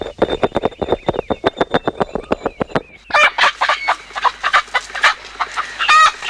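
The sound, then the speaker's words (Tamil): Newly bought native country chickens, kept for raising at a home, cluck in a quick, steady run of short notes, then burst into louder, harsher squawks and calls near the end, with no talking. “நாட்டுக்கோழிலாம் வாங்கியிருக்கீங்க போல இருக்கு.”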